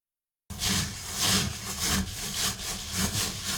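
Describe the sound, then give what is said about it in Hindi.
Rice grains rubbed together by fingers in a sieve while washing rice, the Japanese technique called togu: a steady gritty rasping that swells in rhythmic strokes roughly twice a second, fairly loud, starting after a brief silence, with no voices. “चावलों में उंगलियां घुमाते हुए दानों को एक दूसरे के साथ रगड़ते रहें।”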